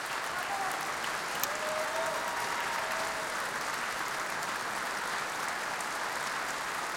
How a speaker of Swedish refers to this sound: Och här kommer solist och dirigent ut i applådtacket ännu en gång. Och även orkestern deltar i applåderna här.